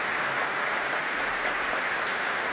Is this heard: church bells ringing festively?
no